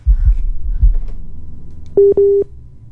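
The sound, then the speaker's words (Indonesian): Two short, steady electronic phone-line beeps in quick succession, fairly loud and clear, as a listener's call from Krian, Sidoarjo comes in to a radio program, following a few low thumping knocks at the start. “yang coba telepon, tapi karena ya ini sudah masuk.”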